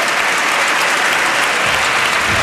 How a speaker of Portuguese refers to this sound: Aplaudido pelas bancadas do PSD e do CDS, mas também por alguns deputados do Partido